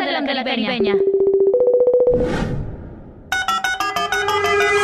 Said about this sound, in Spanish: Suena el teléfono